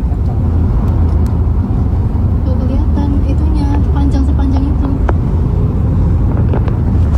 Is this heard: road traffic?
yes